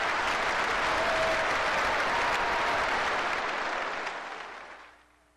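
A crowd claps steadily in a dense, even wash of applause for about four seconds, then it tapers off and fades to quiet. No one speaks.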